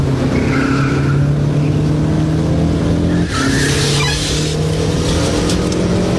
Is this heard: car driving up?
yes